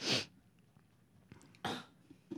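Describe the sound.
A voice makes a few short, breathy, sputtering bursts that resemble a fart: one at the start, another partway through, and a brief one at the end, moderately loud, with no talking.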